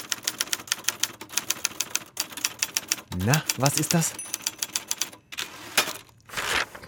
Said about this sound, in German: Dann noch schön das Papier rausziehen aus der Rolle. Das ist etwas, was die Jüngeren unter uns vermutlich nicht mehr kennen. Die Schreibmaschine, quasi Vorläufer der Computer.